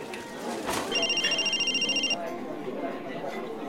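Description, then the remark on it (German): A mobile phone rings for an incoming call from a withheld number, with a bright, rapidly trilling electronic tone lasting just over a second, then cuts off, leaving a low murmur of room noise. “Unterdrückte Nummer? Ist das Robert?”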